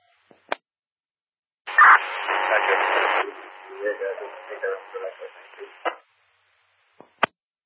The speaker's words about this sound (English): Last unit, too much static.